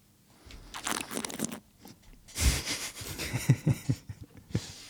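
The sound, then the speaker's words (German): Someone slurps wine to get more oxygen into it in the mouth, drawing air through it in noisy, hissing bursts, followed by a rapid series of soft gurgling pulses as the liquid is swished around in the mouth. No one speaks. “Und naja, was man dann noch machen kann, ist der Schritt, den wir vom Sebi auch gelernt haben, das Schlürfen.”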